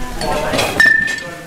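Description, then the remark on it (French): A single bright metallic clink of cutlery rings out and briefly sustains in a kitchen as the place where the cutlery is kept is shown, with murmured voices and kitchen clatter softly underneath. “Là les couverts ils sont là.”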